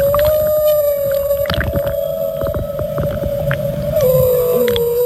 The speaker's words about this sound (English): It's a humpback whale, but that's okay. It's a humpback.